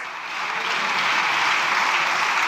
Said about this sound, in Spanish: Ay, está Miguelito Tellado, ay, la bancadita, ching, aplaudiendo, están emocionados, van a ser presidentes todos.